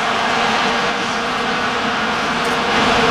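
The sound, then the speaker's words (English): A dense, steady drone of vuvuzela horns buzzing together like a swarm of bees, loud and unbroken for the whole stretch, with a low, reedy hum running through it. “Your Vuvuzela, not allowed at the World Cup.”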